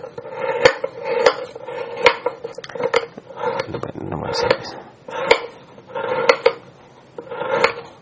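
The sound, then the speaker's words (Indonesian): A knife slices bananas on a cutting board, cutting them up for blending, with sharp taps landing about once a second in a steady rhythm against a faint background hum. “Ini kan karena mau di blender maka saya iris-iris.”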